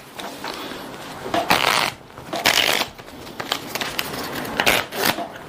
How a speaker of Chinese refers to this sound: 所以呢，我们需要先去控牌、洗牌、切牌。